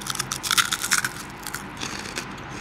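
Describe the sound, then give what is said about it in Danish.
Crunching of crispy sea-salt fish skin chips being bitten and chewed, a cluster of sharp crackly crunches early on, then softer, steady chewing noises with no talking. “Det knaser rigtig meget.”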